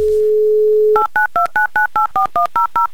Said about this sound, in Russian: Номер набран. Звоним в Электросталь Кристине